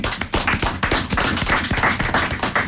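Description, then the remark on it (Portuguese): A crowd applauds a group of singers with steady, dense clapping that fills the whole stretch, many hands striking at once in a loud, continuous patter with sharp individual claps standing out. “Parabéns a vocês todos e de presidente para vocês, uma grande salva de palmas.”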